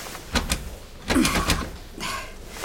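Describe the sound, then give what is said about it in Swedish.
Two sharp metallic clicks, then a louder rattling of the locked door handle of a boss's office being jiggled, followed by a softer scrape near the end. The door stays shut, with no voices. “Och dörren är låst.”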